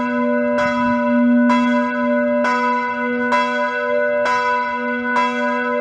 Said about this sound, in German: Glockengeläut ist zu vernehmen. Feldgottesdienst an der USH.